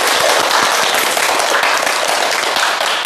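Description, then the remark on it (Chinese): A room full of people applauding steadily for a student who has just recited Lu You's poem 'Storm on the Fourth Day of the Eleventh Month', dense overlapping claps at a consistent loud level throughout, with no voices standing out above the clapping. “哎，不错啊，大家给他鼓掌。”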